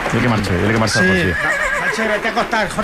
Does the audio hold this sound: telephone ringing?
no